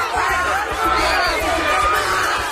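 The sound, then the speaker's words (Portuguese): A crowd of about 50 fans cheers and shouts a farewell to the Brazilian national team before it departs for the World Cup in the United States, a steady roar of many voices with bursts of higher-pitched yelling rising and falling throughout. “E antes de cruzar o continente rumo aos Estados Unidos, a seleção brasileira recebeu um último adeus da torcida.”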